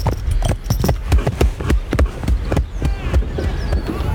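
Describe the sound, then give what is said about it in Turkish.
Steady, rhythmic hooves of mares clip-clop, many sharp knocks in quick succession over a low rumble of movement, continuing throughout without pause. “Kısraklar benim. Ahıra koyun.”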